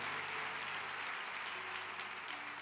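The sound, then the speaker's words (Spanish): A church audience applauds the word of God during a sermon, a dense wash of many hands clapping at an even level for the whole stretch, with no voices rising above it. “Si eso merece aplaudir la palabra de Dios.”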